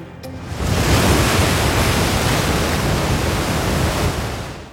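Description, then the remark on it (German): Steady, loud roar of breaking surf waves at the O2 Surf Town artificial wave park in Hallbergmoos, a dense, continuous rush of churning water with no voices, holding level for several seconds after a quick onset. “einfach nur nach Hallbergmoos und in die O2 Surf Town”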